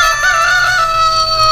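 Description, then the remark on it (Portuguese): A rooster called Galo Polícia, also called Godofredo, crows at 7:28: a loud, sustained, strained note with a bright harmonic ring, steady without any talking. “Canta, Galo Velho. Canta, Godofredo.”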